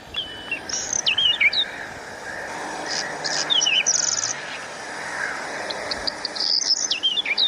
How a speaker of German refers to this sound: spielt den Ruf des kleinen Vogels auf ihrem Handy vor